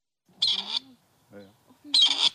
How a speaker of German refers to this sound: Dann könnte der Ruf des Rebhuhns künftig auch an mehr Orten in Deutschland wieder regelmäßiger zu hören sein.